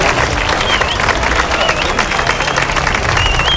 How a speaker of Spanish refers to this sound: Ovación cerrada por parte de profesores y alumnos del José Cadalso al término de la concentración de repulsa